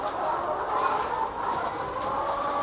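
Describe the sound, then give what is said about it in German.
Chickens coo and murmur softly in a barn in a steady, continuous low warble, fairly loud, with no voices over it. “Dann gurren die.”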